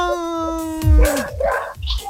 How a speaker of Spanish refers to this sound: Mira, mira, mira cómo ladran los perros, mira.